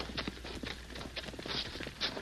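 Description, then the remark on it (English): Faint, steady clip-clop of a horse's hooves, a few evenly spaced beats growing slightly louder as if drawing nearer, with no one talking. “Yeah, I hear a horse.”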